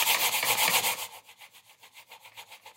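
A computer mouse scrapes back and forth across a table in quick, rhythmic strokes, a gritty rubbing sound that is louder at first and then continues more softly, with no talking.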